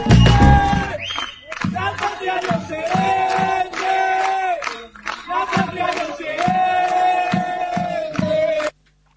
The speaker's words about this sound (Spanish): Fue en San Martín de los Andes. Así fue que le gritaron la gente de ATE y los vecinos a los filibusteros de la Corte Suprema. Que se vayan, que son unos bandidos, vendepatria, coimeros, sinvergüenza, ladrones y payos.